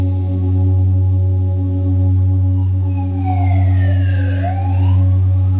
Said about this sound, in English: Noticing if the siren comes into your consciousness, let it be there. Don't resist it. Don't grab hold of it. It comes and it goes.